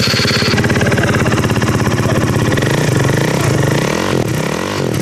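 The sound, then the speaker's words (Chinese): A motorcycle with a modified exhaust, added spotlights and a curled, bent license plate roars loudly as the throttle is opened during a traffic police inspection at a motorcycle shop, its engine revving in a dense, rumbling stream before the pitch rises and falls in a couple of throttle blips near the end. “这辆摩托车不仅号牌卷翘弯折，还加装了射灯，改装了排气，启动油门后发出巨大的轰鸣声。”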